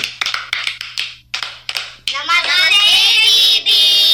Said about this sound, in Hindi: तो जोरदार तालियों के साथ स्वागत करिए आज के कार्यक्रम का